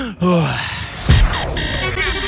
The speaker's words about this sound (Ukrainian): Ні, не треба нічого. Я спокій. Я отак, дивись, дихаю.